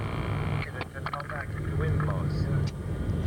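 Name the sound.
airplane cabin engine drone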